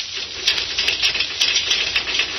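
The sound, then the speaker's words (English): A series of sharp, bright knocks on the gates of a king's palace, about ten raps in an uneven rhythm, over a steady hiss with no voices. “And hesitantly, he knocked upon them.”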